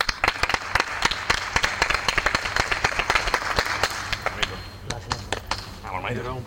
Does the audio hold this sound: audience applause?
yes